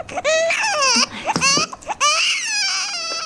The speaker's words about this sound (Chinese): 宝宝，不哭啊！你这孩子真是的。越忙你越添乱，你哭吧哭吧